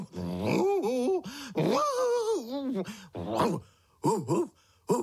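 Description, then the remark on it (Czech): A person imitates a dog, making drawn-out whining, groaning vocal sounds that break into a few short bark-like yelps near the end. “Nerozumím tě ani štěk, štěkáš strašně nesrozumitelně.”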